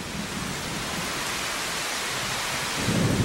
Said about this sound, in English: The storm unleashed the full force of its power, with driving rain and great peals of thunder.